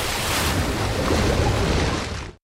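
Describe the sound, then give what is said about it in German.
A dense, steady roar of churning black water and surf as someone plunges into it, loud, with rough turbulent texture throughout before cutting off abruptly. No voices are present. “Dann verschlingt mich das schwarze Wasser.”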